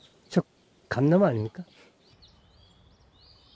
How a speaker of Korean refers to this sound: 네, 감나무가 있는데 지금 새들이 네, 달라붙어 있네요.